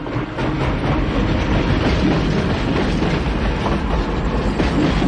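A train rumbles steadily along the tracks, loud, with a continuous low roar and faint rhythmic clacking of wheels throughout.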